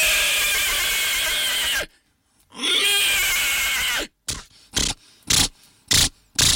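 A horse neighs loudly, two long quavering whinnies followed by a quick run of short, breathy snorting bursts.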